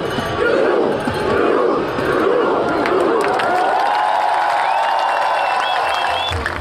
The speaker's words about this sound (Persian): بیش از 100,000 نفر میدان مقابل کاخ را پر کردند با پرچم‌های در دست و فریادهایی که تلخی شکست مقابل انگلستان را برای واکینگ‌ها از یاد می‌برد.